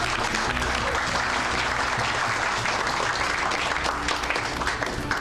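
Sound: audience applause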